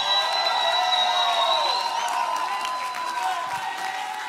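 A church audience roars with loud shouting and cheering, sustained and dense throughout, with whistles and high whoops cutting through the din and scattered clapping underneath.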